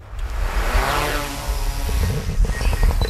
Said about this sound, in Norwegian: Dette da lyden av en drone som letter I Jerpensdalen I Grenland